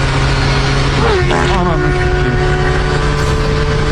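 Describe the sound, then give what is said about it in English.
A motorcycle engine roars past at high speed, its loud, steady drone dropping in pitch as it goes by, then a rough buzzing hum lingering afterward. “Here's a dude who farts after an extremely fast motorcycle passes him.”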